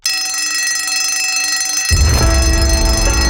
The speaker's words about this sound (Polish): Dzwonek już dzwoni